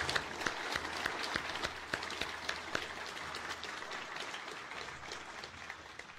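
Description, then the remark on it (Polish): An audience at an awards ceremony claps steadily for the introduced guests, many hands making dense, crackling applause with a few sharp individual claps standing out early on, holding at an even moderate level throughout. “Brawo dla wszystkich.”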